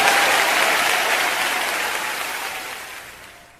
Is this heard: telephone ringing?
no